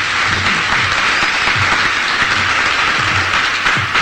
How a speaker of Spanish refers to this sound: Yo creo que le vamos a dar un buen aplauso a Jesús, ¿verdad? Porque es bueno.